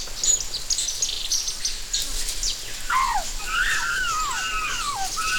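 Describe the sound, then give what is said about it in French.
Several birds chatter and whistle with rapid, sliding calls against a steady hiss of insects in dense, hot, humid tropical jungle, the calls growing busier in the second half. “Tu entends le bavardage des oiseaux?”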